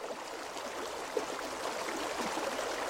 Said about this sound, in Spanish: Salimos a la ribera del río Lys, el hilo conductor de artistas, campesinos y viajeros.